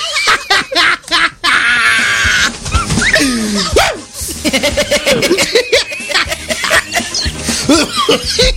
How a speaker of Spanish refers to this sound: Pues, ya me dio la tos de viejito.